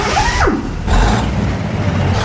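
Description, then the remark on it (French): The engine of a 38-ton truck in Canada starts up: a brief descending whine, then a loud, deep diesel rumble that settles into a steady idle. “Écoutez bien comment démarre un camion de 38 tonnes au Canada.”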